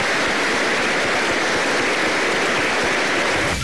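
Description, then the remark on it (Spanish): A crowd claps together in a dense, steady burst of applause to encourage young priests, staying loud and even for a few seconds, with no voices over it, then cuts off. “Una vez que nos despidan, ¿qué les parece si para animar a estos jóvenes sacerdotes les vamos a dar, ya que nos despidan, un aplauso para que su ministerio sea fecundo?”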